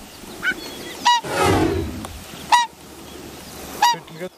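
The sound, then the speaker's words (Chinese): A pair of whooper swans give urgent, loud honking alarm calls as they hurry back to their endangered young, four sharp bugling cries spaced irregularly, with a rushing, whooshing burst between the second and third calls. “原来是大天鹅夫妻意识到幼鸟出现了危险，急切地赶了回来。”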